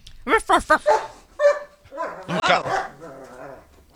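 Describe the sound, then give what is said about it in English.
A dog named Casey barks three or four times in quick succession, loud, then breaks into higher whining yips and drawn-out whimpering vocalizations. “Thanks for getting us going, says Cheryl and Casey the dog.”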